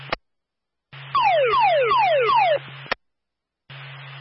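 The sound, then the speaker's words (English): Claremont Fire department dispatch paging tones, sent out for a Fox Alarm at the Claremont Highway Department, Box 471: a loud run of four quick, falling electronic sweeps over a steady radio-channel hum, framed by brief bursts of open-mic hiss and clicks. “Tones for Claremont Fire.”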